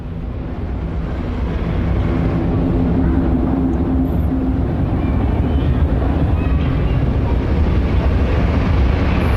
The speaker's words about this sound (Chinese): 摩托车启动，比赛开始。第一圈的时候，车手们是不允许更换位置的。然后这个摩托车呢，基本上就是速度要越带越快。